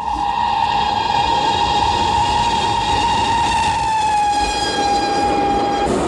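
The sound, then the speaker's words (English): A speeding train roars along with a heavy, continuous rumble while a long, steady whistle tone sounds over it, sagging slightly in pitch before cutting off near the end. “It was as though she were willing me to open the carriage door of the speeding train and hurl myself out.”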